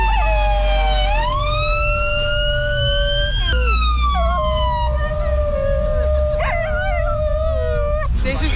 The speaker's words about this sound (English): Love that the police and fire department in New York know this guy, and they actually like will wave him over and get the sirens going so the doggies, who look really adorable, very, very cute dogs when they're howling